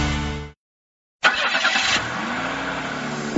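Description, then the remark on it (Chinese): A car engine hums briefly, cuts to silence, then cranks to life with a loud burst and revs up, its pitch climbing steadily. Fairly loud, with no voices. “引擎和心跳一起律动”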